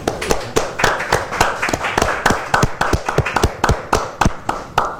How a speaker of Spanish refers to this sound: Un aplauso para el destacado pintor tomecino quien nos acompañó en esta edición.